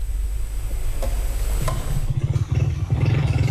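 A motorcycle engine rumbles as it rides along, with throbbing low pulses, a couple of sharp clatters, and a steady whoosh of wind and road noise throughout. A news reporter rides the motorcycle toward earthquake-hit La Guaira state, Venezuela, on the 27th.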